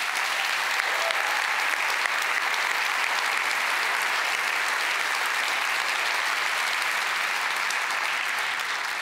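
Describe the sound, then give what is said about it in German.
Sustained audience applause for award winners at a prize presentation, a dense steady wash of many hands clapping at an even loudness for several seconds, with no voices over it. “Ich sage an dieser Stelle nochmal herzlichen Glückwunsch und das ist nochmal euer Applaus.”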